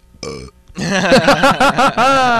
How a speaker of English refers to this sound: Was it wonderful? He burped into the microphone, and it was wonderful.